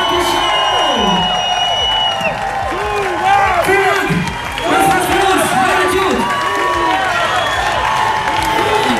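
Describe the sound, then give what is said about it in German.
A dense festival crowd of over 10,000 people at Summer in the City in Bergheim's town centre cheers and whoops loudly in front of the main stage, many overlapping voices rising and falling in excited shouts, with scattered clapping underneath throughout the steady roar. “Gerade vor der Hauptbühne war richtig was los.”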